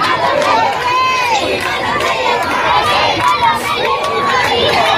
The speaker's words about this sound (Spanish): Mucha alegría, aplausos, vítores a León XIV. En ese momento ha recorrido el Papa todo el front este Palacio Real en ese Papa móvil de pie, saludando a todo el público aquí presente.